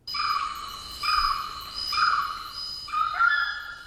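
An orange-footed scrubfowl calls in a run of four loud, drawn-out, harsh notes, one roughly every second, with no talking.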